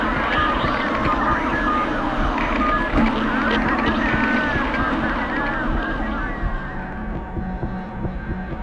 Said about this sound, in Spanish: Se escuchaban decenas de sirenas de vehículos de emergencia. Eran de diferentes fuentes.